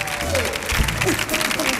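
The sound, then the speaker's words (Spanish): An audience applauds steadily to welcome David Hasselhoff onto a programme in Spain, dense clapping at a consistent loud level throughout, with faint voices mixed beneath the noise. “Bueno, y recibamos también con un fortísimo aplauso a David Hasselhoff, que también está con nosotros.”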